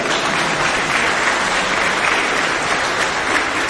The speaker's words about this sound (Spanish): El número ganador entonces es el 45. 40, acá, mira, muy bien. El acólito, ¿eh? Un aplauso.